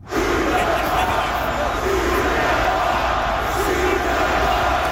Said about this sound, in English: That is 20,000 or so people yelling, shoot the puck.